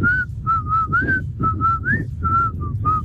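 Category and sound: human body sound, child whistling a tune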